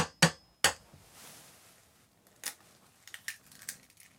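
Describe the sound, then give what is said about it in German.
An egg is cracked with two sharp taps, then drops into a hot frying pan to make a fried egg, with a soft, steady sizzle, followed by a few light scattered clicks and scrapes. “Vielleicht machst du mal ein Ei rein, damit wir jetzt gleich so ein schönes Spiegelei kriegen.”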